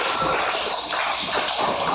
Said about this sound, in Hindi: बस सभी के लिए ताली बजा दो भाई, ये तीनों बच्चे के लिए।